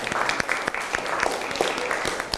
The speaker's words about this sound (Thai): ขอเสียงปรบมือให้เพื่อนกลุ่มที่5หน่อยครับ